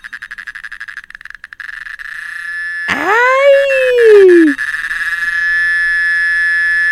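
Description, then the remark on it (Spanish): A cicada buzzes loudly throughout, starting as a rapid pulsing rattle that settles into a steady, shrill drone. Midway, a person lets out a brief, drawn-out exclamation over it. “Ya encontré un sonido de una chicharra, vamos a escucharla.”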